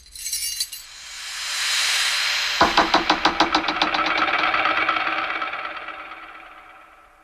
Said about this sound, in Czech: Buď jsem se tu už bez tebe zbláznil, anebo jsem se trefil tím nejmenším klíčkem rovnou do zámku. Tohle by se mi dvakrát nepovedlo.